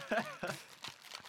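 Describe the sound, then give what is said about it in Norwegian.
A package of bubblegum-filled, milk-coated cookies is unwrapped, its wrapper crinkling in a few short, scratchy bursts, with brief vocal sounds mixed in. “Skal se, det var godt pakket inn.”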